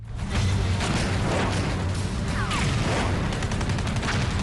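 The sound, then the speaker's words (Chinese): Dense, continuous gunfire from New Fourth Army soldiers rattles on without a break across a battle position as they fire at attacking Japanese troops, killing the enemy. Sharp bursts of shots cut through a heavy low rumble that stays loud from start to finish. Nobody speaks. “击毙敌人的枪声还在阵地上回荡着，如同一记响亮的耳光打在日军师团长川岛的脸上。”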